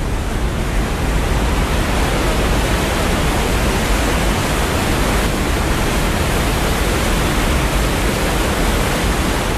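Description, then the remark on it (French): A steady, dense roar of water falling without pause like a cascade from inverted L-shaped outlet pipes at a dam, where the water is evacuated into a well; loud, with no voices over it. “À travers des tuyaux qui sont posés en forme de L à l'envers et permettre du coup la chute de l'eau telle une cascade.”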